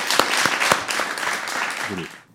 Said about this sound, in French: Applaudissements dans le public, s'il vous plaît.